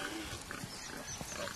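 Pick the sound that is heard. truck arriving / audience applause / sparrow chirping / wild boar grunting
wild boar grunting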